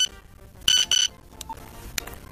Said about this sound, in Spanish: Yo creo que podemos identificarlo, son diferentes tonos de SMS, de mensajes de texto.